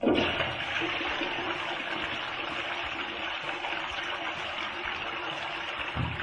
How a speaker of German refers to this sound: Und hat sich qualifiziert für die Klospülung.